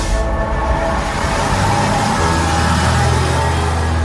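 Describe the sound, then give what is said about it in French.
Busy road traffic at an intersection at the exit of Laval, France, toward Le Mans, at the corner of avenue de Chanzy and rue Saint-Melaine: a steady roar of engines with a deep low rumble from heavy vehicles passing or idling, continuous and loud with no voices. “Avez-vous remarqué ce petit obélisque noyé dans la circulation ?”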